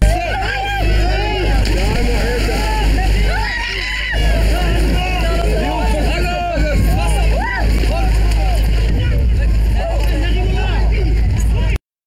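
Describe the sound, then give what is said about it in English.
A crowded small boat on open water: a steady engine drone runs throughout while many voices shout and call over one another, with no pause in the noise. “That is the illegal migrant who threw a baby into the water in France and left it for dead whilst he got on a boat to Britain.”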